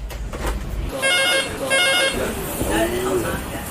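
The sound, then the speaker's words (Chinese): A restaurant's reservation telephone rings in two short, bright trilling bursts with a brief pause between them. It is fairly loud, over busy background noise and faint voices. “疯狂舞事总算告一段落，但预约电话却从未停过。”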